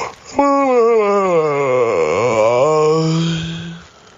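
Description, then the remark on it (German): A single long, drawn-out human yawn, voiced, sliding down in pitch through the middle before leveling off and trailing away after about three and a half seconds. “Einmal männlich, einmal weiblich. Gähnen war das nämlich.”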